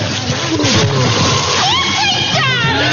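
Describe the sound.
Water splashes and sloshes loudly and continuously for a few seconds, up close, with voices crying out over the splashing.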